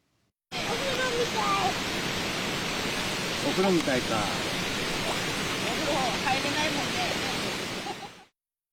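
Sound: flowing river water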